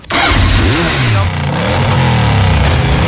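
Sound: motorcycle engine revving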